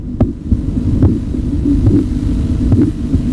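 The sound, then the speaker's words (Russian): Rhythmic Korotkoff sounds of an artery pulsing under a Riva-Rocci blood pressure cuff squeezing the arm, evenly spaced soft taps over a steady low hum, heard as through a stethoscope, with no voices. “Он замечает, что при сдавливании руки с помощью манжеты Рива Рочи возникают характерные чередующиеся звуки.”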